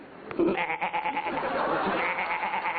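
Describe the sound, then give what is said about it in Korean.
A human voice imitates a baby goat's bleat, a thin, wavering, nasal cry held for a couple of seconds, with no other sounds around it. “요거는 새끼 염소 소리고, 야.”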